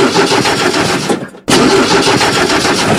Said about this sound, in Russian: Ядрен матрен. Опять не заводится грузовик, автобус или фура?